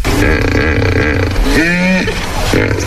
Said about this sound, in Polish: Mógł być lew, mógł być jakiś tygrys, mógł być wąż, ale nie, no poszedł w jakiś miks krowy ze skuterem. To hipopotam był.